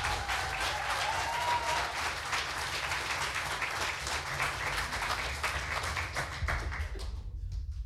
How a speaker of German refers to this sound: Er kommt aus Husum, heißt ihn bitte herzlich willkommen mit einem 10-Punkte-Applaus.